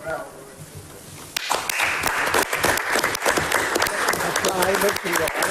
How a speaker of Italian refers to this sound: Un applauso ci vuole, era già acceso, e naturalmente un grazie a tutti quelli che sono venuti